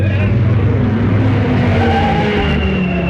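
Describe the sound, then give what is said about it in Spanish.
Rally cars, trucks and motorcycles rev and drone together as the competitors accelerate their engines, a dense, continuous roar with rising and falling pitch. “Los autos, los camiones y las motocicletas participantes aceleraban sus motores a cada kilómetro.”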